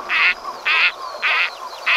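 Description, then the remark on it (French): A gadwall duck quacks four times in a steady rhythm, each call a short, harsh, nasal croak, loud, with brief quiet gaps between and no voices. “J'ai choisi un canard chipot.”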